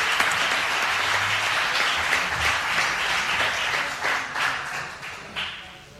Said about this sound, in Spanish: Ese aplauso para recuerdo a Manolo Ramírez Calero.